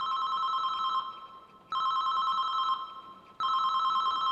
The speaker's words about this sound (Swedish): En telefonsignal ekar i trapphuset. Det är Alfons mobil som ringer.